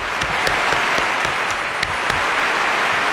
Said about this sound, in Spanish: vamos otra vez con los aplausos. Otra vez, porque ya muchos teniendo aquí aplausos